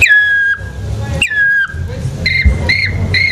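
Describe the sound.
A whistled imitation of a black woodpecker call: two long, drawn-out notes sliding downward, then three short, quick repeated calls, fairly loud over a low background rumble.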